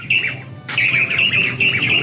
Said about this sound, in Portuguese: Ó, eu quero saber que passarinho é esse que apareceu aqui na fazenda. Ó, escuta aí, ó, escuta, ó.